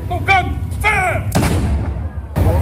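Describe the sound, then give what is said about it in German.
A single loud ceremonial cannon shot booms out at 12 noon at the Saluting Battery in the Upper Barrakka Gardens after a few shouted voices, its heavy blast rolling into a noisy outdoor crowd that keeps murmuring afterward. “Um 12 Uhr wird übrigens in dem oberen Baracca-Garten ein Kanonenschuss abgefeuert.”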